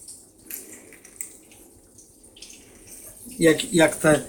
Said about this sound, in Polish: Zmywarka zmywa. Zmywa, o. Słychać nawet, jak to śmigło tam.